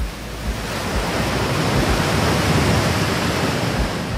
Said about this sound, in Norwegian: Hvordan lyder en ø? Ja, der er nok bølger.